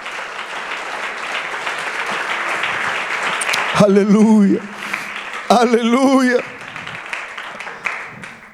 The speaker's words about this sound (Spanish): Si ese aplauso es para el Señor, mi hermano, que pueda ser mucho mejor.